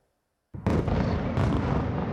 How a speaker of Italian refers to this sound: Una nuova violenta ondata di attacchi russi scuote la capitale Kiev. Una raffica di missili balistici fa tremare il centro cittadino, con forti esplosioni e detriti caduti in alcuni quartieri della capitale.